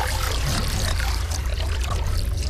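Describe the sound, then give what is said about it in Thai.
A large amount of ancient water, trapped in rock layers for thousands of years, streams steadily out of rock at the bottom of a dug well, a continuous splashing gush with a constant hiss and a deep low rumble underneath, holding the same loudness throughout with no voices. “น้ำปริมาณมากไหลซึมออกมาจากหิน”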